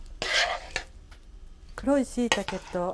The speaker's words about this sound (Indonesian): それでは盛り付けをしましょう。 大きめの器にたっぷりと盛ります。